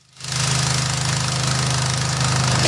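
A heavy diesel tractor engine starts up and runs steadily at a loud idle, with a rough, knocking low rumble and broad mechanical clatter throughout, no voices present.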